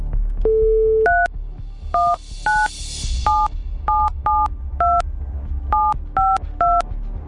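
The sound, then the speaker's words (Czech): A steady dial tone gives way to a quick series of DTMF keypad beeps as a Rádio Blaník presenter dials a listener's phone number during a morning call-in, each short two-tone chirp clear, with a faint rustle underneath. “A já už vidím i to telefonní číslo, takže jdu volat.”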